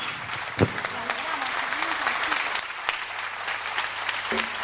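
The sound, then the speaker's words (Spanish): An audience claps steadily for the boys in a dense, continuous wash of applause that holds at an even loudness for several seconds, with a few sharper individual claps and faint murmuring underneath. “Un aplauso para los chicos.”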